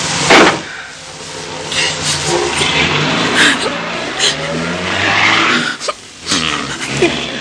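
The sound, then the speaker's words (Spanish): A car engine starts up and revs hard, the rising whine of the motor surging as the vehicle speeds off, with a brief thump near the start. “No protestó al subir al auto, ni abrió los labios cuando Paul puso en marcha la máquina, que poco después escapaba a toda marcha.”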